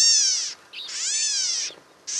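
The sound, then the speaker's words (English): A gnatcatcher gives a few harsh, nasal, mewing calls in quick succession. Each call is drawn out with a slight rise and fall, loud, with no other sounds around them. “California gnatcatchers look and sound much the same.”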